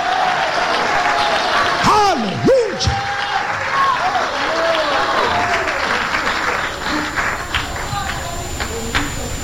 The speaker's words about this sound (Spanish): Dale un aplauso de alabanza al Todopoderoso. Alabado sea el nombre de Dios. Ay, ay, ay, dale un aplauso al Señor, iglesia.